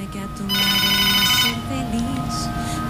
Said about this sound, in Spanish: Tenemos llamada. Es que no sé por qué no puedo contestar acá directamente del... A ver.